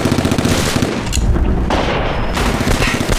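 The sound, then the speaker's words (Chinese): Battle gunfire from fighting involving over 300 ships and several thousand people rattles on without pause, rapid machine-gun bursts and scattered shots blending into a loud, dense wall of noise with heavy low rumbling underneath; no one speaks. “乔人那边打得多热闹，就咱们猫这没事干。”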